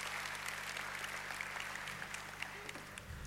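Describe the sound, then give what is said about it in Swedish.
An audience at a Christian Alpha gathering applauds steadily, a dense wash of many hands clapping at an even, moderate loudness with no talking, lasting for a few seconds. “En applåd.”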